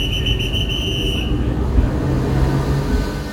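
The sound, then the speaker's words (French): A shrill, steady train whistle sounds for just over a second above a heavy low rumble, then the rumble continues alone as the train slowly begins rolling toward Paris-Est, with a faint low hum rising. “Un coup de sifflet retentit, le train s'ébranle lentement en direction Paris-Est, arrivée prévue à 17h34.”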